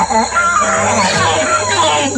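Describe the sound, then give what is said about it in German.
A male proboscis monkey gives a deep, loud call: a harsh, nasal, honking sound with a buzzing edge that wavers in pitch and carries on without a break for about two seconds. “Männliche Nasenaffen stoßen nämlich tiefe, laute Rufe aus.”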